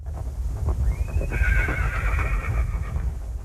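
A single horse lets out a long, shrill whinny that rises sharply and then trembles for about two seconds, clear over a steady low rumbling background.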